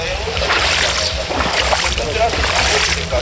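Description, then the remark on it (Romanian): Steady sloshing and splashing of floodwater, over a metre deep in places, a continuous churning wash with bursts of louder splashes, with indistinct voices murmuring faintly underneath. “Beciul la mine e bucătăria, e full de apă. Apa a trecut în unele zone și de un metru.”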